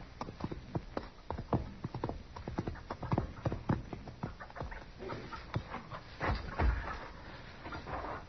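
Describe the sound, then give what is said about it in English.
Horse hooves clip-clop in a steady, uneven rhythm on hard ground, with a dog panting and whimpering and no voices. “Your horse has scared it away.”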